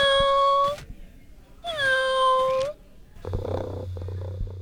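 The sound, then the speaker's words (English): A RoboCat robotic toy cat named Nell, at Clear Bay, gives two steady, electronic-sounding meows, each about a second long, then settles into a low, continuous mechanical purr, clear and with no talking. “She picked out her own RoboCat and named it Nell.”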